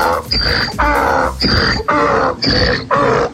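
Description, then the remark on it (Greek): A donkey brays loudly, a rasping hee-haw of rhythmic, alternating harsh and honking bursts repeated about six times without pause, with no talking. “Σήμερα που είναι Παγκόσμια ημέρα του γαϊδάρου, για να μην ξεχνιόμαστε.”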